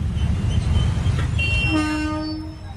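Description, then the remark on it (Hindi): A train of the Western Railway's Ratlam division in India rumbles heavily along the track as its loco pilot stops it en route. A sustained, high-pitched metallic squeal rises as it slows, and the low rumble fades toward the end. No one speaks. “Viral video में दिख रहा है कि ट्रेन के लोको पायलट ने रास्ते में समोसे खरीदने के लिए ट्रेन को रोक दिया।”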